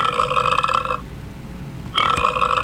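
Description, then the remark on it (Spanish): Two loud, drawn-out burps, separated by a second-long pause, each a rough, buzzing belch with no talking. “Los 9 monstruos ruidosos y viscosos, moteados y babosos, seguían bastante apretujaditos cuando a uno de ellos le dio por eructar.”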